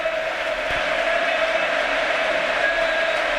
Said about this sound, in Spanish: Es Pedri el hombre que abandona el terreno de juego. Partido 250 con la camiseta del Barça de Pedri. Recibe una gran ovación del Camp Nou.